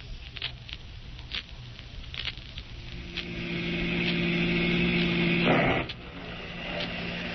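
Steady rain patters in a broad hiss with scattered drips, while a car engine hums underneath and swells louder midway before settling back down. No one speaks.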